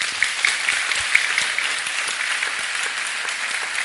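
An audience claps steadily to greet a guest, an American political scientist, a dense, even wash of many hands that holds a constant level throughout, with no voices standing out.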